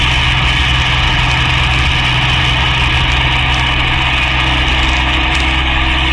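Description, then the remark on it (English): A car engine hums steadily throughout while driving along Broadway, a constant low droning rumble with a faint whine on top, loud and unbroken, as if heard from inside the moving vehicle. “I dislike being repetitious, girl, but the car's still following us.”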